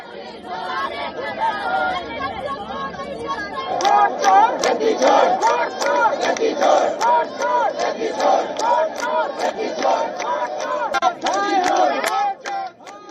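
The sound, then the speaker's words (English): Opposition protesters shout slogans near Jantar Mantar in Delhi as police take them away in buses: loud, rhythmic unison, voices rising and falling in repeated chants over a constant din of overlapping yelling that grows fuller after the first few seconds. “Police later removed them from the road and took them away in buses as opposition leaders raised slogans.”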